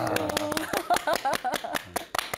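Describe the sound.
A Buddhist monk claps loudly: sharp hand claps ring out in a quick, uneven run of many strikes, with a voice sounding underneath the whole time.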